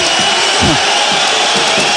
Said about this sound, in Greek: Χειροκροτούν οι Ισπανοί φίλαθλοι.